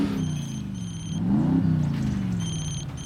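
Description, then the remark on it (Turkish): A truck on the road: its engine rumbles low and steady, its pitch rising briefly as it revs in the middle. High electronic beeping tones sound at the start and again near the end. “Çekin şu kamyonu yoldan.”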